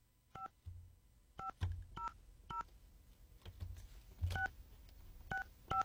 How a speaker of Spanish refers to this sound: Vamos a ver si nos contesta. Ojalá que sí, vamos a marcar.